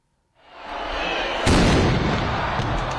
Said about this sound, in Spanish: Así, con el tradicional cañonazo, vuelve a arrancar la Semana Grande de San Sebastián. De esta forma dan comienzo 7 días de fiesta con más de 400 actividades por toda la capital guipuzcoana.